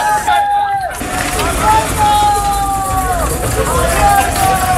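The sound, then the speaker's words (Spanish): A loud, steady outdoor din of a crowd, with many voices shouting and calling over a low engine rumble of full army trucks carrying immigrants to the Tarajal border in Ceuta at night. “Anoche el ejército seguía trasladando en camiones a inmigrantes a la frontera del Tarajal. Mira, y se van llenos.”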